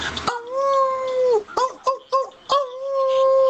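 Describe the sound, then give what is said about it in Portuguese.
A person imitates a howling dog: a long, drawn-out wail, a few short whimpering yelps, then another sustained howl, loud and alone. “que cadela no cio.”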